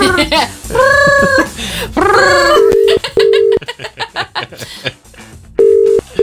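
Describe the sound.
A telephone rings in three short, steady mid-pitched tone bursts, following a stretch of wavering, meow-like vocal sounds, with people talking between the rings.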